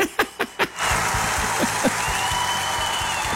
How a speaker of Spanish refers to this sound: Me gustan más estos aplausos.